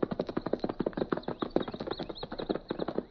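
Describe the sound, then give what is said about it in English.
Rapid, steady clip-clop of a horse's hooves at a gallop as it flees toward the hills, a dense run of sharp beats that stays fairly loud throughout, with no voices. “He turned and fled.”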